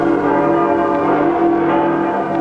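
A dense, steady wash of ringing church bells fills the air in Alcoy as the image of the patron saint is carried in procession, their overlapping tones sustained and loud without pause, with a festive, celebratory feel.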